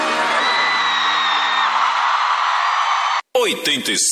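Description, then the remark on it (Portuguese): A loud crowd yells and whoops together in a sustained, dense roar of shouting voices, then cuts off abruptly before a short burst of sharper whoops and cries. “E quem não tá valendo nada, solta a voz e dá um grito.”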